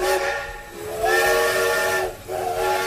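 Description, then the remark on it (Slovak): A steam train whistle sounds in long, sustained harmonic blasts with a brief break between them, backed by a steady broad hiss of escaping steam. No one speaks. “Teda nie, že by chodili teraz na Slovensku takéto vlaky, ale možno do nejakého takého vlaku nastúpite, nie síce do parného, ale do nejakého, ktorý vás odvezie k svojmu cieľu.”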